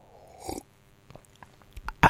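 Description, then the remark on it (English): A wet, noisy slurp of coffee, followed by a few soft mouth clicks and a short gulping sound at the end, with no talking. “So here's a slurp for proof there ever.”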